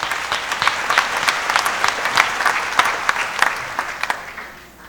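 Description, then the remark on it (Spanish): A small audience claps steadily together for a child's 10th birthday, a dense patter of hands that carries on for several seconds before tapering off near the end. No one speaks over it. “¿No podemos dar un aplauso?”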